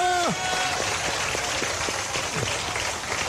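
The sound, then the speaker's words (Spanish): An audience at a worship service claps their hands in praise of Christ as King, a dense, steady rattle that fills the whole clip, opening with a brief falling vocal cry, with faint voices mixed underneath. “Y aplaudiendo porque Cristo es mi Rey.”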